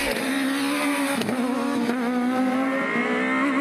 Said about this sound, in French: Bon allez, assez parlé maintenant. Je vous laisse profiter du son incroyable de ce 4 cylindres qui hurle à 9000 tours.